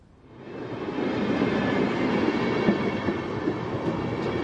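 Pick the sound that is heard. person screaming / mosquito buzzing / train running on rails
train running on rails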